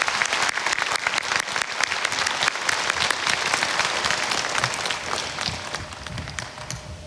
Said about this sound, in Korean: 네, 우리 모두를 응원하는 감동적인 무대였습니다. 모든 출연진들께 다시 한번 큰 박수 부탁드립니다.